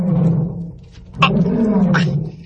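A deep, rumbling roar of a big tiger rolls on for a couple of seconds, loud, with two harsher snarling surges partway through.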